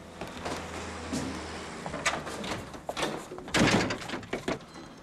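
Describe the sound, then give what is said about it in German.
A door is pushed shut with a few solid knocks and rattles, followed by a heavier clunk and some scraping, like a latch or lock being worked, locking a man inside. “Da habe ich ihn einfach eingesperrt.”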